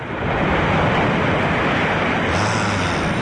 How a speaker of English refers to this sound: And finally, waves crashing on a shore.